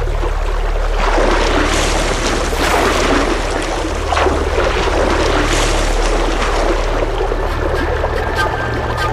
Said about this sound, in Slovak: Prečo neplávaš priamo k druhému brehu, drahý Nessos? Po prúde rieky sa pláva ľahšie.